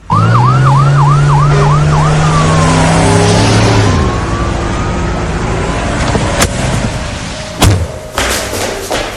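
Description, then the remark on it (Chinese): A police van's siren wails loudly as it drives into a club compound, starting with rapid rising yelps then shifting to slower sweeping tones as the vehicle rumbles in, followed by a couple of sharp thuds like doors slamming as several police officers rush out of the van for a vice raid. “就在这么一光景，一辆面包警车开进了会所啊。”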